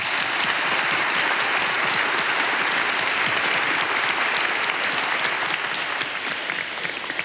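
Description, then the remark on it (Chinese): A large audience at the National Theater applauds the performers, musicians and crew of an opera troupe's 20th-anniversary show in a dense, steady roar of clapping that stays loud and even for the whole stretch, with no voices standing out above it. “恁所有到场的观众朋友，拢是阮的贵宾，甲恁家己拍一个婆婆声。”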